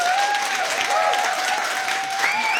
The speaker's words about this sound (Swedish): En applåd för dem.